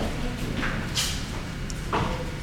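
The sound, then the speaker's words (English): A door is opened, producing a couple of brief knocks and scraping sounds over a steady low rumble of room noise. “So let's open the door.”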